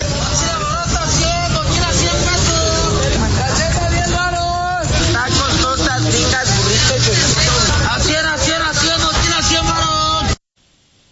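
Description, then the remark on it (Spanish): A busy street market crowd among stalls of clothes, plush toys, backpacks, crafts, charcoal-cooked and fried food, Turkish coffee and slot machines: dense, overlapping chatter of many voices mixed with shifting background noise, holding steady and loud for about ten seconds before cutting off abruptly. “dulces y refrescos, también pues hay puestos de ropa, peluches, mochilas, artesanías, comida preparada con carbón y freidora, hasta encontré café turco y máquinas tragamonedas en los meros pasillos.”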